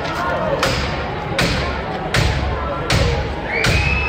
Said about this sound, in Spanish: Este es el momento en el que la policía ha reventado hace nada, hace dos minutos, la puerta del portal